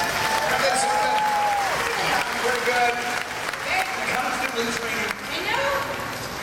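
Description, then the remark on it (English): An audience applauds the stunt team loudly and steadily for several seconds, a dense crackle of clapping with cheers and whoops rising and falling over it. “Now, let's hear for our stunt team again, huh?”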